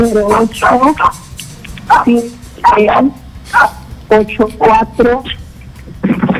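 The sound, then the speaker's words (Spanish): A small dog barks over and over in quick, sharp bursts, loud, with a person talking intermittently between the yaps. “Se calle un ratito el perrito, por favor.”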